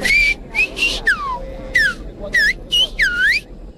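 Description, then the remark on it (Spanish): A person whistles a short, lively melody as a welcome greeting to the Pope: about eight quick phrases with swooping rising and falling pitches, over a low, steady background hum with no talking. “¿Le va a silbar algo al Papa usted?”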